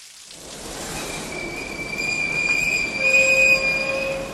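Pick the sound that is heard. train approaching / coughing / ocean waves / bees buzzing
train approaching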